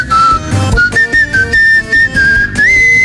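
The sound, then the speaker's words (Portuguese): A person whistles a steady, sustained tune for a few seconds, the bright tone holding mostly one pitch before gliding slightly higher, with some low background rumble and clatter beneath it. “Agora, na época de Copa, quero ver quem sabe assobiar aqui, ó.”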